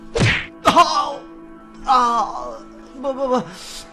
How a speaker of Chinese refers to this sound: 再打。 秋生使了一个眼色，壮汉又沉重的一拳落下。